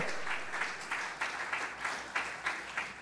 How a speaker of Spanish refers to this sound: Si le va a aplaudir, apláudale fuerte. Si le va a aplaudir, apláudale fuerte.